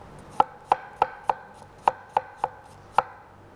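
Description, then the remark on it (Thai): A knife chops a washed, unpeeled apple with its core removed into small pieces on a cutting board for a sauce, eight crisp thunks in a fairly steady rhythm with one slightly longer gap midway. No one speaks. “แล้วก็แอปเปิ้ลล้างให้สะอาดแล้วก็หั่นเป็นชิ้นเล็กๆ เราใช้ทั้งเปลือกเลยนะคะเอาส่วนที่เป็นไส้แกนกลางนี่ออกซะแอปเปิ้ลเนี่ยเราต้องใช้ทั้งเปลือกเพราะว่าเราจะได้สีของเปลือกด้วยนะคะแล้วก็ได้วิตามินจากเปลือกด้วยแล้วก็ใส่แอปเปิ้ลหั่นชิ้นเล็ก”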